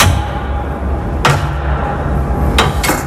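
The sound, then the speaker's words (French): A heavy floor hatch leading to the space beneath a water mirror is opened with a few sharp metallic knocks and thuds against a steady low rumble of machinery, the clanks sounding distinct. “Sous la trappe en caille boutique que je vais vous ouvrir maintenant.”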